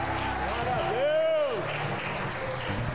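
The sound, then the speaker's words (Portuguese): A crowd applauds with dense, steady clapping for about three seconds, while a rising-and-falling voice cries out over the noise in the middle. “Aplauda!”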